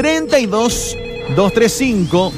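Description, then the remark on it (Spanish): A telephone rings with an incoming call on a call-in phone line at 6:27 in the morning, its steady electronic tone running throughout while voices with sliding, sing-song pitch speak over it. “Desde ahora ya, habilitamos nuestra línea telefónica. Tienes que marcar como número fijo, no por WhatsApp.”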